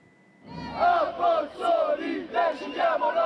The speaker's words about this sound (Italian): In corteo a Roma fino a Palazzo Chigi, centinaia di sfollati dei campi Flegrei che protestano. Ci hanno abbandonato,